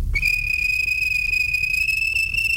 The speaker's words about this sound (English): The fat controller was on the train with other important people. The guard blew his whistle.